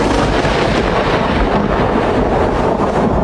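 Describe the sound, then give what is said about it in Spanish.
A loud, steady roar of a storm breaking out, with a deep rumbling low end like thunder rolling beneath howling wind, filling the whole stretch with no pauses and no voices. “Nubes tormentosas anticipan el estallido de la tormenta.”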